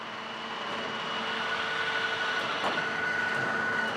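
A steady, loud mechanical roar of an underground drill rig boring 21-metre-deep holes for the next blast, 1,260 metres down in a mine where temperatures reach 45 degrees, with sustained whining tones and a broad hiss, holding constant throughout, with a brief sharper burst partway through. No one speaks.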